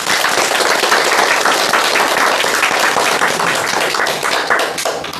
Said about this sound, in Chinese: 祝贺大家取得的进步啊！你们回头再好好练一练啊，一定又能更大的提高啊！ 我为自己的进步鼓鼓掌吧。